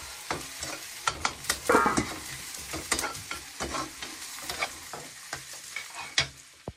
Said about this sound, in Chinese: 来再加点鸡汤，少许点盐，对， 嗯， 翻炒，哎，2分钟即可出锅。